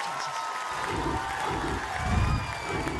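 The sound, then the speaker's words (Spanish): A large standing crowd applauds and cheers steadily, a dense wash of clapping with shouts rising through it, swelling slightly toward the end. “La gente de pie aplaudiendo.”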